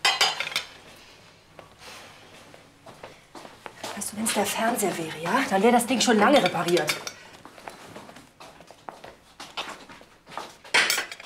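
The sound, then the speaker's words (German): Dishes and cutlery clink and clatter as someone washes up by hand in a kitchen, with sharp knocks scattered throughout while a person talks over the kitchen noise. “Du, wir haben abgemacht, solange die Spülmaschine kaputt ist, ist das Geschirr nicht als Job.”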